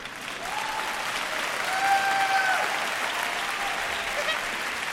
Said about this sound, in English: From this moment on, don't be bashful. If you want to applaud, go ahead. I love it.